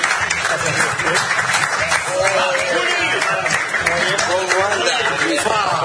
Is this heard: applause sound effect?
yes